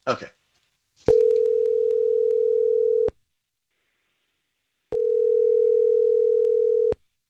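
A phone line's ringback tone rings twice as an outgoing call is placed to a woman, each steady electronic hum lasting about two seconds with a pause between. It is clear, after a brief rustle at the start.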